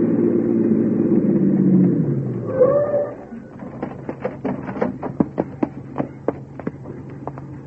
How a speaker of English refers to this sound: Right behind that squad car pulling up.